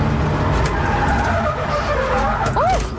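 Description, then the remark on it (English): A car engine roars steadily under loud road noise during a lap, then tires squeal in a rising, curving skid near the end as the car spins out, loud. “And after the first laps went reasonably well, and then they gave me some tips on how to make the second one even better, I get back in full of confidence, and then I spun out. And this is the moment that the spin out happened.”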